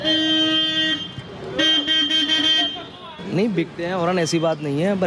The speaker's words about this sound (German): Der Glaser Sorab will eine lautere Hupe für seinen Motorroller.